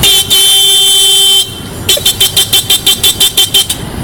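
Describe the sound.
A man from Sergipe, at Terminal Pirituba, mimics a car horn with his voice: one long, loud blare held over a second, then a rapid run of about ten short, evenly spaced honks.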